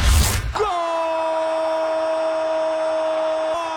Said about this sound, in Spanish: ¡Gol! El grito de gol surge con la invitación también.